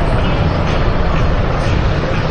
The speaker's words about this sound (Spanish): ¿Se escucha el repiqueteo del helicóptero, …? Sí, se escucha clarito, sí. Acá. Helicóptero de guerra son estos, ¿eh? Sí. Y mira, acá ya vemos, hay cuatro. Lo que pasa es que el que pasó encima nuestro, literalmente.